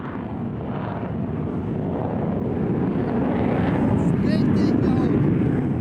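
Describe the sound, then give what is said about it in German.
A loud, continuous roar of fighter jets repeatedly taking off around the listener during a large air force exercise in the Indo-Pacific, a dense rumbling engine blast that holds steady and swells slightly stronger over several seconds. “Um uns herum starten immer wieder Kampfjets.”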